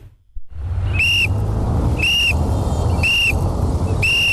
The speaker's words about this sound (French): Ces coups de sifflet sont donnés par les 12 agents déployés au Carrefour Saint-Michel après 17h.